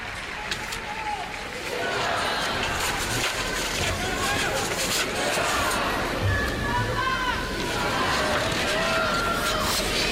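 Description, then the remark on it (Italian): A large crowd chants and cheers for Pope Leo, repeating "Viva il Papa" as a spontaneous greeting, a dense roar of many voices with shouted, rising calls bursting out over the steady din for the whole stretch. “Prosegue il gioco della folla, questo sì.”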